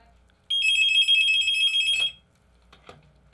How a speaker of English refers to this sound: I heard the phone ring.